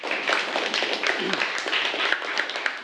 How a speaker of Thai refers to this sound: โอเคครับปรบมือให้เพื่อนหน่อยครับ